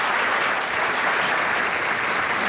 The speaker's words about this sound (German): Und dann wird wir natürlich stellvertretend für Alina in Düsselkamera kicken und kriegt natürlich stellvertretend für Alina auch nochmal einen großen Applaus hier in unserer Theater.